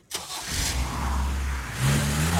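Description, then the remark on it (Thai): A car engine kicks in abruptly and runs loud, a low steady rumble that rises in pitch near the end as it revs up, as the car drives and its brakes fail to stop it. No voices. “รถเป็นไรอ่ะจอดเบรกไม่อยู่อ่ะ”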